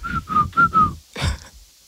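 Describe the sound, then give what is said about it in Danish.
A person whistles a short phrase of a pop song melody, four clear, steady notes, then breaks off with a brief breathy burst, like a laugh or exhale. “Du skal seriøst ikke kigge på mig, for så kan jeg ikke fløjte.”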